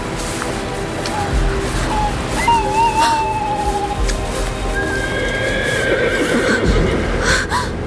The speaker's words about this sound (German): War da nicht das Wiehern eines Pferdes in der Ferne?